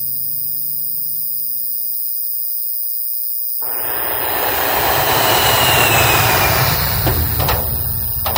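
A low hum gives way to a loud, rushing airplane engine roar as the plane departs, swelling to a peak and holding, with a high whine sliding downward through it. No voices.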